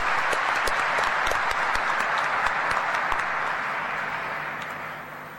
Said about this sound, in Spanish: Vamos a aplaudirle otra vez. Muy bien, muy lindo el coro, ¿eh?